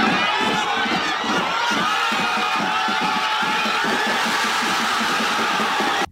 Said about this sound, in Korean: 이어 후반전에 교체 투입된 오현규가 후반 35분 역전골까지 성공시키자 광장은 순식간에 환호성으로 뒤덮였습니다.